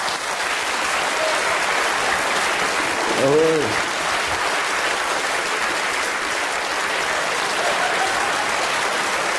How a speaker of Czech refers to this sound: pan domácí má starost, aby měl větší potlesk než Radek